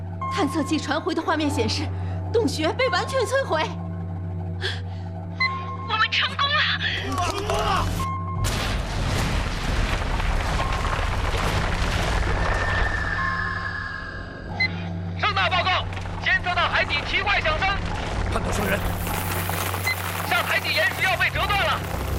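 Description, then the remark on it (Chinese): A powerful underwater explosion in the direction of an undersea cave erupts midway, a loud, rumbling blast that churns for several seconds over a steady low hum, with voices talking before and after it. “监测到洞穴方向发生强烈爆炸，快看！”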